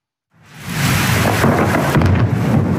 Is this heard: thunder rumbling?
yes